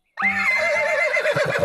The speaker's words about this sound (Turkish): Artık ne dediğini de anlamıyorum. Kişneyip duruyorsun. Boşuna uğraşma. Hala anlamıyorum.